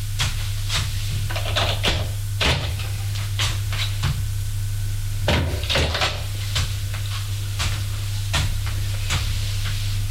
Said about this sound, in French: Il ouvre la porte de droite qui donne dans la cuisine.